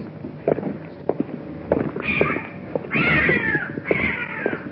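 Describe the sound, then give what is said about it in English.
A cat meows three times in quick succession, each call drawn out and wavering, fairly loud, following a few scattered knocks and rustling thumps. “What is that? It's a cat.”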